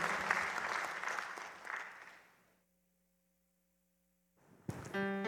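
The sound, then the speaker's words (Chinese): A burst of dense crowd applause with steady clapping that fades out into silence after about two and a half seconds, then a short bright electronic tone sequence rises at the end. “谢谢大家，各位念到哟，拍手哦，谢谢。”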